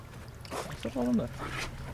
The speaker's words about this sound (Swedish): Och denna korgen då sänker man sen ner i vatten. Ja, man sätter ju en provflaska i korgen och sen sänker man ner den ungefär en meter. Ska vi se, nu ska vi höra här hur det låter. Samlar han upp vattnet här.